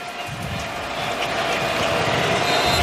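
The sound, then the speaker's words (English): A loud Kentucky home crowd at a college football game against the LSU Tigers roars in a dense, continuous wash of noise that swells slightly over a few seconds, causing an illegal procedure penalty against LSU, with no clear pauses or individual voices standing out. “It's two illegal procedure penalties against the Tigers, courtesy of this Kentucky crowd.”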